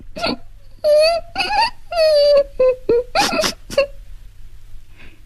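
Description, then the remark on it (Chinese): A child cries and sobs mournfully up close, drawn-out wailing bursts broken by short catching breaths and hiccuping sobs, with a brief quieter whimper at the end. “凄婉低回的哭声使倭文子在怜悯的思绪中又夹杂了深深的负疚。”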